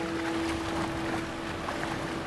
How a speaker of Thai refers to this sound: แล้วเองฟังเองได้ยินเสียงอะไรบ้างตอนเนี้ย เสียงทะเลเสียงคลื่นเสียงเรือ